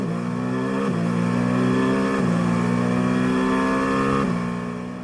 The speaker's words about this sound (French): On tend l'oreille, évidemment, sur l'embarqué de la voiture de Kobayashi.